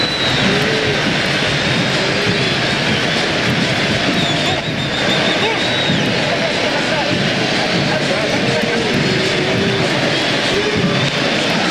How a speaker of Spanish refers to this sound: Qué ovación, ¿eh? Qué ovación. Más que merecida para Dibu, que es un arquero fenomenal.